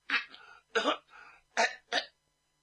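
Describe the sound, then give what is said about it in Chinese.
A storyteller imitates a character's fake cough: four short, deliberate coughing bursts with brief pauses between them, moderately loud, with no other talking. “大事小事应当严加谨慎，可不是爱虎在旁边等不了了，假装咳嗽。”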